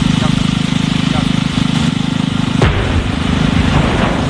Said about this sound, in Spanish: Bueno, esto que acabas de escuchar no es una cafetera que ha explotado, sino una explosión controlada, donde en Rumanía, para desviar agua del Danubio hacia la central nuclear de Cernavoda.